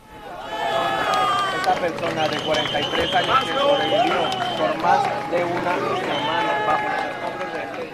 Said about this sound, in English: And you see the cheers and the applause there, and for such good reason, after an international team of rescuers finally reached a security guard trapped in the ruins of that shopping mall, 70 hours after they first located him.